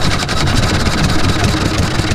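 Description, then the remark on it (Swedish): A small Olympia 3.5-horsepower outboard boat motor runs steadily out in the archipelago in summer, its buzzing engine drone holding constant at a loud level with a slight rhythmic pulsing and no pauses. “Olympia, 3,5 hästkrafter.”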